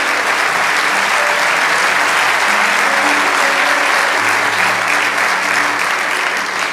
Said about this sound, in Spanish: Vamos, dale este aplauso al Señor.